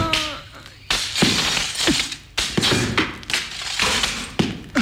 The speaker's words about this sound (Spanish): Cuando Cricri apuró su vaso de agua y se disponía a saborear los palillos de dientes, los tipos de la otra mesa comenzaron a darse puñetazos.